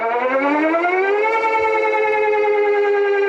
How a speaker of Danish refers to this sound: Sirener, der lød over hele landet kl. 12 i dag, og også på de allerflestes mobiltelefoner.